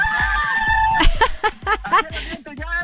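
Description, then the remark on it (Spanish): Several voices yell together loudly, a group of friends shouting to mark being on air during a football match: a drawn-out shout gives way to a quick run of short, rhythmic whoops and hollers. “¡Un grito que estamos al aire!”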